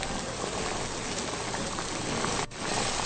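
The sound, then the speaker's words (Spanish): Food sizzles steadily in boiling oil in a cooking pot (cazuela), a dense, continuous crackling hiss with tiny pops throughout and one brief dip in loudness near the end. No one speaks. “Y vamos a agregarla a la cazuela donde ya tengo el aceite hirviendo.”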